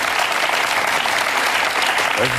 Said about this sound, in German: Und natürlich, ja, für einen Schwinger, den Schwingerkönigstitel einzuholen, ist natürlich das Maß aller Dinge. Ja. Das hat einen Applaus noch mal verdient, würde ich sagen. Merci vielmals.